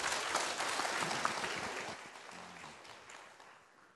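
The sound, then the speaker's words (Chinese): Steady applause from an audience welcoming a speaker who is about to present a paper, a dense patter of many hands clapping that holds for several seconds and then gradually tapers off, with no voices over it. “好，我们把鼓掌欢迎，谢谢他。”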